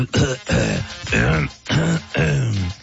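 A person clears their throat several times in a row: about five loud, raspy, voiced rasps with short pauses between them, with no talking.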